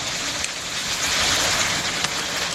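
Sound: heavy rainstorm with hail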